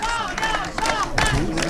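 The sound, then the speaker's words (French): A crowd of UDR-RN party activists in the Var, France, cheers and shouts together celebrating senatorial election wins, loud and steady, with many overlapping voices and a few higher whoops rising above the din. “La fête bat son plein sous les acclamations des militants.”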